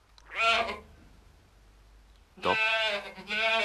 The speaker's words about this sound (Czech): To je, prosím, kozel, pane. Zpravidla dělá to, co teď. Trkne a zas dál přežvikuje.